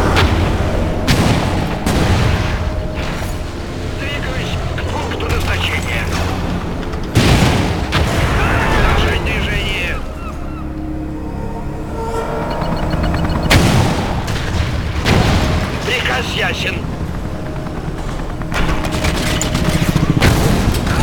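Heavy artillery gunfire booms repeatedly over a dense, continuous rumble of battle, with sharp, loud blasts bursting at irregular intervals and a steady low roar running underneath throughout.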